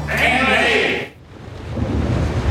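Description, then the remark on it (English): A brief high, harsh cry gives way to a deep, rolling thunder rumble that swells and lingers at steady loudness, with a rain-like hiss beneath it. “Suncorp knows Queensland can wreak havoc during storm season.”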